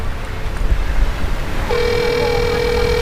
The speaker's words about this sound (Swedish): Vi ringer på porttelefonen till Arons föräldrars bostad i Sverige